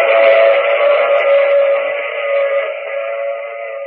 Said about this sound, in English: I take this same train every week at this same time.